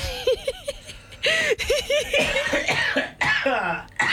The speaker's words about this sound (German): Ich huste jetzt schon. Er hustet euch gleich was vor.